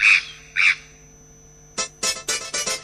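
A magpie chatters loudly in a radio jingle: two harsh rasping calls, a short pause, then a quick rattling burst of five more squawks. No one speaks.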